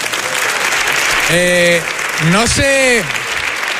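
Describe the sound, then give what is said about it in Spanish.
Steady audience applause fills the whole stretch, with two loud, drawn-out cheering whoops rising over the clapping partway through. “Un aplauso para vosotras, hombre.”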